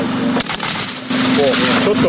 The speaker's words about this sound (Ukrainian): НРК переганяють на іншу точку і знову відкривають вогонь. Оператори відпрацьовують стрільбу по мішенях на різній відстані, щоб покращити влучність.